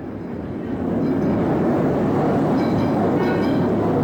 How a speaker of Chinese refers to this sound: 电车站，一辆电车适时地开过来，崔丽冲出商场，跳上电车。